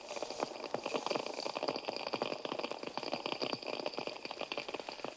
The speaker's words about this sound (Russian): Американские креветки. Они щелкают клешнями, создавая фон, заглушающий почти все другие звуки подводного мира.